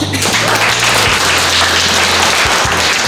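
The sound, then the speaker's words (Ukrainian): A large audience of students in a lecture hall claps loudly and continuously, a dense, sustained roar of applause with no pauses, along with a steady low hum beneath it. The applause drowns out a drone pilot's spoken commands to his drone. “Студенти гучно аплодують і таким чином заглушають команди пілота своєму дрону.”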